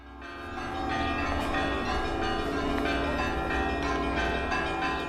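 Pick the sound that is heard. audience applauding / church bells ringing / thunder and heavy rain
church bells ringing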